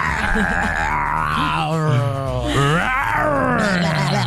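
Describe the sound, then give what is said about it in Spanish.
A person growls and roars in imitation of a big animal, one long continuous rumbling vocal roar with rising and falling pitch, loud, lasting several seconds. “Te toca a ti tu rugido.”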